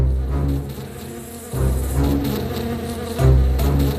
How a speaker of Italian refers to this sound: Quando Dorothy e i suoi amici videro le api volare verso di loro, non ebbero il tempo di scappare.